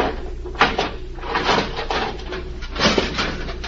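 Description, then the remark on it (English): A jimmy pry bar strains against a steel cabinet door, producing a series of grinding creaks and metallic scrapes in uneven bursts over a few seconds, with no voices. “Now, if I can get the jimmy behind the steel door.”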